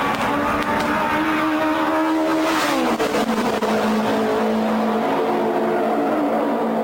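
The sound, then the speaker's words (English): A loud race car engine roars steadily, its pitch dropping as it shifts down around the midpoint, then holding a strong, buzzing drone with no voices. “STP had segued to the sound of silence, going from having the loudest car in Gasoline Alley to the quietest.”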